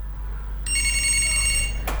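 A telephone rings for an incoming listener call on the radio show Dangdut Torang Punya, a steady electronic tone, one ring lasting just over a second, fairly clear over a low background hum, ending abruptly with a brief burst of noise.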